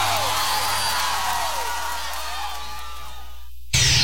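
A crowd cheers and applauds in a steady, dense roar, with rising and falling whistles and whoops over it. Near the end it cuts abruptly to a short burst of harsh noise.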